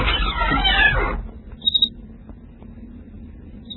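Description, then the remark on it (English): A burst of dense, rushing noise cuts off, then a door gives a short, high creak with a few quick squeaky pulses, followed by near silence and a faint low hum. “Open the door and listen.”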